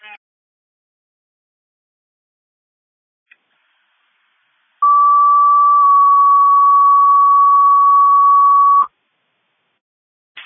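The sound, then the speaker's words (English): A loud, steady electronic alert tone holds for about four seconds with a slight pitch step early on: a city fire dispatch alarm sending Engine 2 and Rescue to a cardiac arrest at 1400 Gill Street. It is framed by brief radio clicks and is otherwise quiet. “City fires off alarm, engine 2 in rescue, cardiac arrest, Gill Street.”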